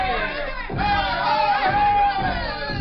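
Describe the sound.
A crowd of students shouts and chants together at a campus demonstration as they parade on Faculty Row, a loud, continuous roar of overlapping yells with a few sustained high cries rising above the din.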